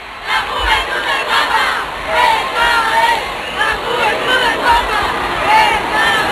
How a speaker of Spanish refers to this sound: A esta hora, las calles del centro de Barcelona rebosan de fieles que dan su calor al Papa León XIV. Este es el sonido en directo.